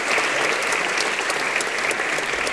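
Steady, dense applause from an audience, many hands clapping at once in a continuous crackling wash that holds at an even, fairly loud level throughout, with no voices standing out.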